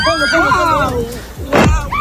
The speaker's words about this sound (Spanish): Es el sonido de la explosión de los drones de Hezbollah que están explotando sobre una playa israelí.